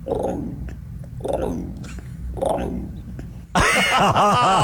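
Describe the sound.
A voice imitates an emu with three low, throaty booming pulses in a steady rhythm, then breaks into a loud, wavering, warbling cry at the end.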